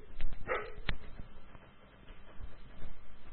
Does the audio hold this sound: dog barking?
yes